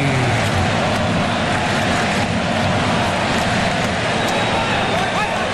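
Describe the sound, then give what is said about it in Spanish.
Dense, steady roar of a large crowd at the AT&T baseball stadium as Japanese fans cheer and clap in the stands, a continuous wash of many voices and murmur holding at the same loud level throughout, with no single voice standing out. “Del AT&T, a ver cómo suena el estadio AT&T.”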